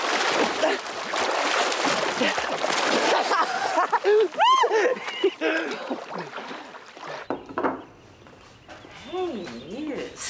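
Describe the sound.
Energetic splashing in water fills the first half, loud, with excited voices shouting and laughing over it before things quiet down to scattered calls.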